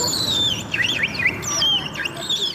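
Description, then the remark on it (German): A human voice whistles an imitation of the song of a willow warbler, a small yellow-grey bird, performed before an audience: a run of high, sliding, descending phrases repeated over about two and a half seconds, clear over a faint background hum. “Und hier die Imitation.”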